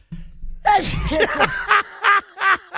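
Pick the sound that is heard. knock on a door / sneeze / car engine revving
sneeze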